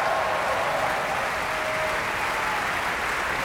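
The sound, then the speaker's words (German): Sustained, dense applause from a large Munich opera audience after Richard Strauss's Die Frau ohne Schatten, a steady roar of clapping that holds at an even level throughout, with a faint howl of cheering for conductor Vladimir Jurowski briefly rising above it. “Viel, viel, viel Applaus, absolute Begeisterung für Wladimir Jurowski.”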